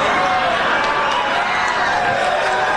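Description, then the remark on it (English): A crowd at a political speech cheers loudly and steadily, a dense roar of many voices with scattered shouts, sustained at an even level without a break for the whole few seconds. “Again, people cheer that.”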